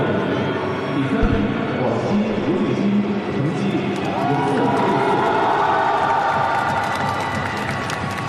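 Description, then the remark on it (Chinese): Sustained audience applause blends with a loud, dense crowd roar and cheering, holding steady at an even level for the full eight seconds without a break: the home crowd at a youth sports competition in Guangxi, China, cheering to congratulate a local Guangxi athlete who won the bronze medal. “我们刚才通过掌声来看到啊，这个家乡的观众也是为他是这个加油祝贺。”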